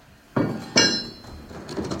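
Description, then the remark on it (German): Heavy wooden windows in a church bell tower, where the bronze church bell hangs, being opened: two solid knocks about half a second apart, the second louder with a brief metallic ring, then a soft rattling clatter that fades out. “Die schweren Holzfenster werden geöffnet, um hier ein bisschen Luft reinzukriegen, beziehungsweise vor allem Licht reinzukriegen auch.”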